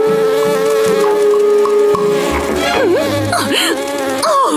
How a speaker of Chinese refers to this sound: 你们这些苍蝇嗡嗡嗡的吵个没完，我还怎么睡美容觉啊？